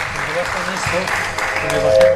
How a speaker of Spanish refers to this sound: Que le bajen los aplausos, dice.